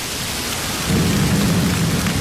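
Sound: rain falling outside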